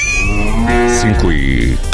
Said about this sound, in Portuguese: Um mugido pra você.